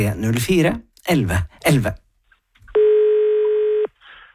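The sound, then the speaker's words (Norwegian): A voice speaks briefly, then after a short pause a single steady electronic beep sounds for about a second, loud and clear, the tone of a radio programme's listener answering machine signalling to start recording. “Eller du kan bruke telefonsvaren som alltid venter på deg om du ringer”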